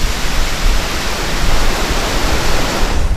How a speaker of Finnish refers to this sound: Siinä se nyt virtaa, Tourujoki. Joo, ja hyvin vuolaana.